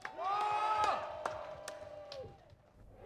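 A crowd cheers and whoops with loud, sustained voices, scattered claps cutting through, then the noise gradually fades toward the end.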